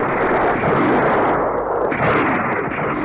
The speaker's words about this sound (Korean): 밥을 다 먹기가 바쁘게 미친 듯이 쏘아대는 총소리가 영봉정을 뒤덮었다.